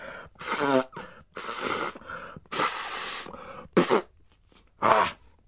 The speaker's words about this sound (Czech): No, a potom si jeden klokan dokonce vyndal kapesník z kapsy a hlučně se vysmrkal.